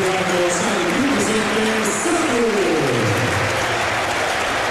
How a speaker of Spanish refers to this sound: Se va Arnau Comas. Se va Arnau y entra Samu. Bueno, pues ovación también para Samu.